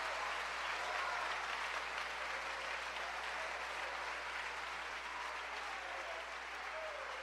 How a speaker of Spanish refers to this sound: ¿Cuántos le dan un aplauso a la misericordia y al amor de Dios?